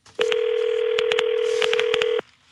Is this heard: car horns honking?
no